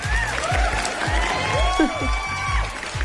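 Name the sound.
applause sound effect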